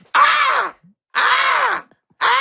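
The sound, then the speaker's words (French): A voice imitates a crow's caw: loud, raspy, drawn-out calls, two full ones and a third cut off at the end, each about half a second with short pauses between, with no talk over them. “Corneille.”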